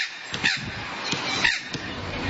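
Harsh, raspy squawks of a red wattlebird, two prominent throaty calls about a second apart with softer rasping notes between, clear, with no one talking.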